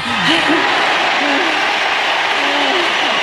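A stadium crowd at Croke Park in Ireland cheers loudly and continuously at Katie Taylor's boxing fight, a dense wall of roaring voices with individual shouts and whoops rising and falling above it for the whole few seconds.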